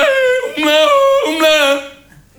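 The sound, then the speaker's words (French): A lone voice, a Tyrolean cousin singing his song before a meal of noodles, yodels, holding bright sustained notes that flip abruptly between low and high registers a few times before trailing off. “Je peux pas toucher une nouille avant que le cousin tyrolien ait fini sa chanson.”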